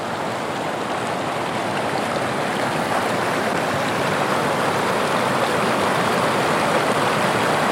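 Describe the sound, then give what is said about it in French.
A steady, continuous rush of a river flowing at the end of the gardens, a broad even hiss with a faint bubbling texture that holds at a constant loudness throughout, with no voices. “Cette rivière qui coule au bout de chaque jardin.”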